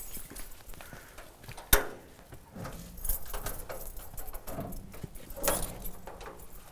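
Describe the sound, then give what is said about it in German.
Keys of the Maschsee lake supervision staff jingle and clink in short, bright bursts at a pump house by the Ricklinger Kiesteiche gravel ponds, Germany, with one sharp metallic clack early on and scattered rattling after, moderately loud with no voices. “Schlüssel hast du? Jo.”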